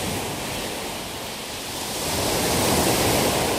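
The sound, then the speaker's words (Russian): A dense, rushing roar of sea surf breaking on the shore, steady, swelling louder in the second half as a wave surges in. No voices. “Но во время плохой погоды, когда на море очень сильный ветер, шторм, прибрежные волны могут достигать высоты многоэтажного дома.”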